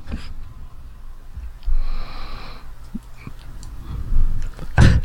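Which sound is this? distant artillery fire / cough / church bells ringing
cough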